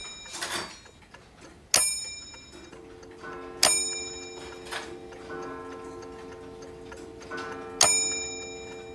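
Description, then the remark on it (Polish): A gentle wind-up alarm clock, made to wake the sleeper slowly rather than abruptly, chimes in widely spaced, ringing strikes, each bright metallic tone lingering and layering over the last, with the sound slowly building in fullness. No one speaks. “I ten dźwięk budzika tak narasta?”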